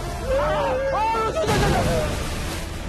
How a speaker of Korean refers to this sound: 뭐야? 어떻게 저렇게 빨리 쏘는 거지? 얘들아, 어떻게 된 거야? 그렇지. 엘리자베스 1세는 전쟁 전에 1시간에 한 번 쏠 수 있는 에스파냐의 청동대포 대신 빠르게 여러 발 쏠 수 있는 주철대포를 만들게 했지.